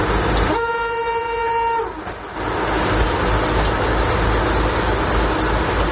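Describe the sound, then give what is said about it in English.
The vintage bright red streamlined Tatra railcar Slovenská strela (Slovak Arrow), a Czechoslovak train built for the Prague–Bratislava route, rumbles along steadily while its horn blares once, a loud, sustained tone lasting just over a second, before the rolling engine and wheel noise carries on alone. “The streamlined bright red Tatra train entered service on the 13th of July”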